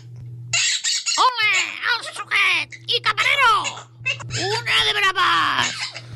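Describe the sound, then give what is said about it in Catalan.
A parrot, Quico, squawks and chatters in shrill, speech-like babble in Spanish, loud, running almost continuously in rapid bursts over a faint steady hum, its voice imitating human talk, in the Empordà. “Ja torna a parlar en espanyol. Aquell lloro no sé pas quants idiomes sap.”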